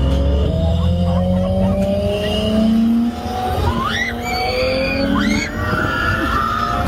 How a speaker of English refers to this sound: It's called Hollywood Drift. And the neighbors are pretty peeved right now because of how loud it is